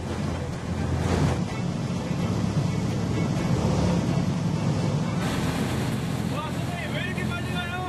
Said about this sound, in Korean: 출발하자마자 급격히 속도를 높이는 배. 파도가 거센 날이었는데도 선장님은 속도를 줄이지 않았습니다.